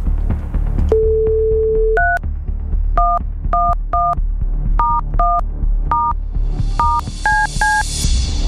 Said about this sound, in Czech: Tak já to nebudu zdržovat, udělám napětí a jdu volat, protože já už vidím telefonní číslo, které mám vytočit.